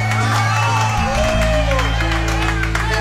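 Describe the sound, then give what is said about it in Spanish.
A lively crowd claps and cheers loudly for a few seconds, a dense, steady roar of applause with whoops and mixed voices rising over a low, humming backdrop. “¿Quién no me aplaude esto a mí aquí ahora?”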